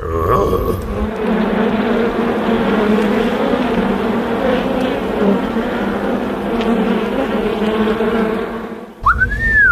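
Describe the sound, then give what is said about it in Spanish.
A dense, steady drone of many bees buzzing together at a honeycomb in a forest fills nearly ten seconds, loud and unbroken, with a short whistle at the start and a quick rising whistle at the very end. “¡Descubrí un panal de abejas! Hay que tener cuidado para que no nos piquen.”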